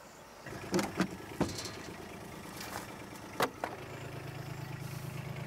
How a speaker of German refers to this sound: So. So, dann kommen wir her mit dem Auto.